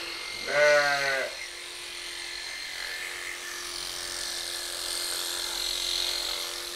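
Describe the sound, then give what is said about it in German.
A single sheep bleats near the start, a short wavering cry that rises over steady background hum and faint outdoor noise, then fades into quiet ambience for the rest. “Ja, war das auch ein bisschen das Schaf.”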